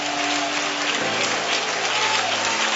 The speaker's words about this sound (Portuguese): Palmas e glória a Deus, igreja.